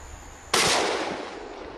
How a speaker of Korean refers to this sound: 다시 총소리가 울렸습니다. 현재로선 인간의 사냥만이 개체수를 조절하는 유일한 길입니다. 또 한 마리의 고라니가 농수로에서 최후를 맞았습니다.